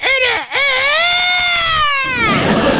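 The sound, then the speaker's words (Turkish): A person imitates a rooster's crow: a short opening call, a brief break, then one long, loud, strained note that holds its pitch before trailing off into breathy noise. “O zaman şimdi bir horoz gibi ötüyoruz.”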